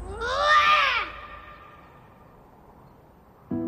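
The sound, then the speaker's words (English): A young boy lets out one loud, strained roar lasting about a second, its pitch rising then falling, followed by quiet and a brief noise at the very end. “It was especially loud, like he was roaring at someone.”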